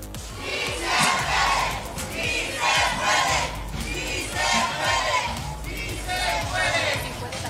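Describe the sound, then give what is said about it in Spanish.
A large crowd of shopkeepers on Motolinía street chants the slogan 'sí se puede' in unison while removing barriers, loud and sustained, with repeated rising shouts over a dense roar of many voices. “En la calle de Motolinía, los locatarios quitaron vallas al grito de sí se puede, mientras elementos de seguridad la recolocaron para finalmente dejar un acceso controlado.”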